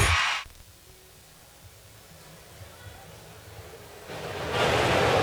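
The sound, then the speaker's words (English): A short, loud water splash opens, then near silence with a faint low rumble, before a second, longer splash surges up and rushes on to the end. “the perfect way to start your day and a splash of fun. Hey, not that kind of splash.”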